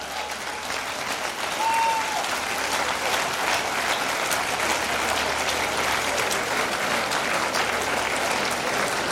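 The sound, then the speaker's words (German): An afternoon audience at the Pavillon am See at Hayrasa applauds the musician Patrick Stalder, steadily for several seconds, a dense, even wash of many hands clapping at a fairly loud level, with a brief faint whistle-like tone early on. “Das ist dein Applaus, Patrick Stalder.”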